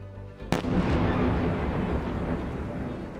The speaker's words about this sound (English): Fires and explosions across Ukraine's capital, where Russian strikes have killed at least 9 people.